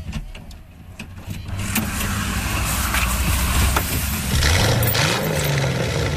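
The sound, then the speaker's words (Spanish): A car engine turns over and catches, then settles into a steady rumbling idle that continues to the end. No one speaks. “Bueno, pues para responder a estas preguntas, nos tenemos que subir a uno de sus coches.”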